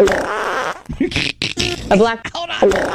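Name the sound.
fart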